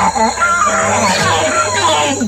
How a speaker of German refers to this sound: Die Nase männlicher Nasenaffen kann mehrere Zentimeter lang werden und hängt teilweise über den Mund und spielt eine wichtige Rolle bei der Kommunikation. Männliche Nasenaffen stoßen nämlich tiefe, laute Rufe aus.